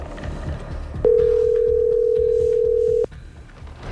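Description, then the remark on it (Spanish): An outgoing WhatsApp call's ringing tone sounds once as a steady, loud, clear two-second beep, with a faint low rumble of background noise before and after. “Le voy a marcar por WhatsApp.”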